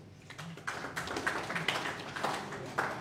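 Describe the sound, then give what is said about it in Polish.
A crowd applauds in a steady wash of many overlapping claps, fairly quiet, with a few sharper individual claps standing out and a faint murmur of voices underneath, as representatives of Siemiatycze County in Poland pose for a commemorative photo at a ceremony. “Pamiątkowe zdjęcie, powiat Siemiatycki i brawa.”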